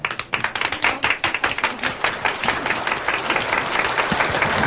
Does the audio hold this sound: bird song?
no